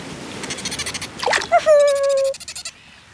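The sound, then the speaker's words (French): Dolphin squeaks: bursts of rapid chattering clicks lead into a sustained, slightly falling whistle, then more quick pulsed squeaks that fade out. Fairly loud, with no talking. “Les dauphins suivent le bateau en nageant.”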